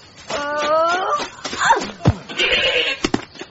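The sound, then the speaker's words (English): A goat bleats loudly, a wavering drawn-out cry followed by a couple of shorter, strained calls, with some thumps and scuffling noise in between. “Obviously, on the day, the stumps won't be made of live goat.”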